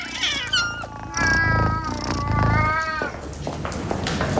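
A domestic cat, a male named Boo, meows repeatedly in drawn-out, wavering cries, several in a row with little pause, fairly loud, with no voices.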